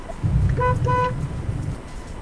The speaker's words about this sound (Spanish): Estoy afuera. ¿Cree que toque bocina? Toco.